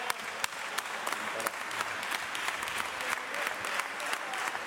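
Sustained applause in a parliamentary chamber during a debate with a minister: many hands clapping in a dense, steady wash, with sharper individual claps popping out irregularly throughout, fairly loud and unbroken from start to finish.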